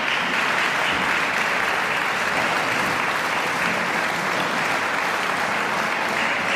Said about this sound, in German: Begeisterte Applaus und Jubelrufe vom Festivalpublikum in der Heiligen Geistkirche in Wismar.